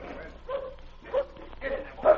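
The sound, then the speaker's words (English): A sled dog named Kane, the most savage dog in the team, barks and whimpers in about four short, evenly spaced bursts, with whiny, yelping tones, moderately loud over a low background rumble. “That's the most savage dog in your team.”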